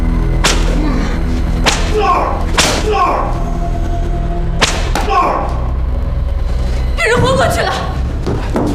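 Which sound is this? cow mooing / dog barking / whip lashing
whip lashing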